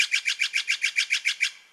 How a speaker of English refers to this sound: Did you answer blue jay? Nope, this is the Steller's jay. If you're west of the Rocky Mountains, you're most likely to hear the Steller's jay.